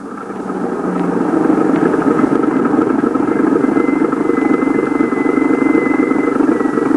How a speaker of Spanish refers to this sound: ¿Dónde está el coche? Por ahí, papá. Por ahí viene.